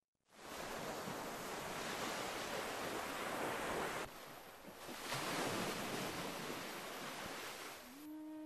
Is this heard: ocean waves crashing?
yes